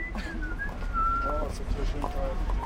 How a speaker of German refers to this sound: Auf der Straße versucht ein junger Mann, die Star-Wars-Melodie zu pfeifen. Nur eben in schief.